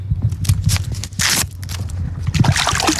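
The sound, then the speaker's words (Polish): People clamber into an inflatable pontoon boat on the water: irregular hollow thumps and shuffling steps on the rubber floor, with water sloshing and splashing, fairly loud. “To co, z naszymi słuchaczami radiowymi skakujemy do pontonu.”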